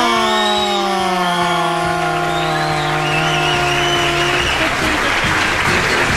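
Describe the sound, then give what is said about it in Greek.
Warm, steady applause from an audience welcoming a morning show host fills the whole stretch at a loud, even level, with a sustained tone slowly sliding downward in pitch over the clapping before fading out. “Κυρίες και κύριοι, υποδεχτείτε με ένα ζεστό χειροκρότημα, τη μία και μοναδική”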